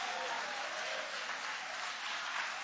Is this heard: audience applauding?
yes